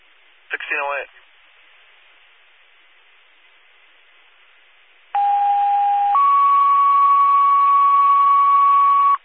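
Stoughton Fire all-call pager alert tones over a hissy radio channel, paging engine 1, engine 3, ladder 4, car 2 and squad 5 to a fire alarm investigation at 205 Industrial off Ortega and Commerce: a brief warbling chirp, a pause, then a loud steady tone held about a second before stepping up to a higher tone held for several seconds.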